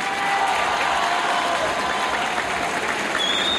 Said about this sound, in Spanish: Hay aplausos por el presidente y una ovación a Iván Poduje